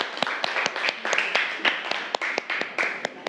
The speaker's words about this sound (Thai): ทีนี้เดี๋ยวครูจะให้ตัวแทนกลุ่มที่หนึ่งนะนำเสนอผลการอภิปรายกับเพื่อนเมื่อสักครู่นี้นะคะอ่ะปรบมือให้กำลังใจเพื่อนหน่อยเร็ว